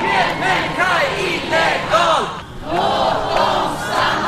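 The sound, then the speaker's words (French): A large crowd of protesters in Stockholm, Sweden, chants the slogan "No human being is illegal, let them stay" in unison against the government's migration policy and deportations, loud, with rhythmic rising-and-falling phrases repeating and a brief dip in the middle before the chant resumes. “C'est le slogan scandé par la foule à Stockholm qui proteste contre la politique migratoire du gouvernement et les expulsions de jeunes arrivés mineurs en Suède.”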